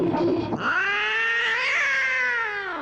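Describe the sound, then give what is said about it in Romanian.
A pedigree cat belonging to Didina lets out a long, drawn-out caterwaul, a loud wavering yowl that rises and then slowly falls, with no talking. “Didina avea o pisică.”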